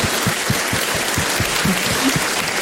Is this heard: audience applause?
yes